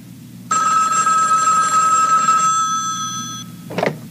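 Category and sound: signal or alarm, telephone bell ringing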